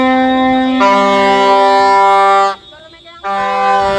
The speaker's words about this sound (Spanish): Así, decenas de ambulancias circularon por los alrededores de las sedes con altavoces y con pitos pidiendo una actualización de las tablas salariales en un nuevo convenio, porque actualmente lo que cobran es el SMI.